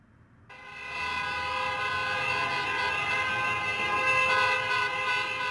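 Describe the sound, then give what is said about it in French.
Car horns blare together in a long, unbroken chorus on Via Veneto in Rome, about 20 minutes after the final whistle of an Italian national football team victory. The sound starts abruptly and stays loud throughout, like a noisy celebration, with a dense rumble of traffic underneath. “Rome, Via Veneto, 20 minutes après le coup de sifflet final qui a marqué une nouvelle victoire du football italien.”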